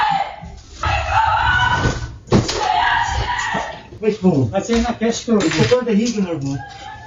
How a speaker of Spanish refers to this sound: Así lo ha contado en sus redes sociales, donde ha compartido también la imagen de las cámaras de seguridad que recogen sus gritos al darse cuenta de que había ladrones en su casa.